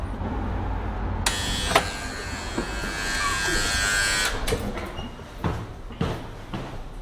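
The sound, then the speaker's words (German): A door buzzer at a stage entrance sounds one steady, harsh electric buzz lasting about three seconds, followed by several sharp clicks and knocks, with no one speaking. “Klingeln.”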